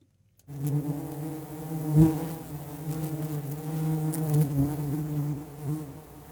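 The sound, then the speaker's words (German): A steady, dense buzzing of many bees in front of their hive, a continuous droning hum that swells slightly at moments, with no voices present. “Es ist das Summen von Bienen vor ihrem Bienenstock.”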